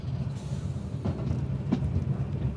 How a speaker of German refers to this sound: Das Betreten ist strengstens verboten. Nur die Eisenbahn darf da durchfahren.